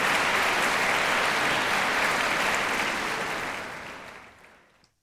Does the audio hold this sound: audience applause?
yes